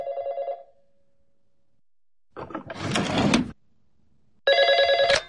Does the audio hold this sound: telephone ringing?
yes